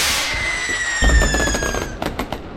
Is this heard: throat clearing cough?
no